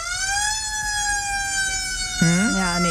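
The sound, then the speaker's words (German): A loud emergency siren wails with a steady, high sustained tone, then a second siren tone swoops in near the end, overlapping and sliding in pitch. No one speaks. “Leute, wenn wir an Sirenen denken, denken wir in der Regel erstmal an sowas hier.”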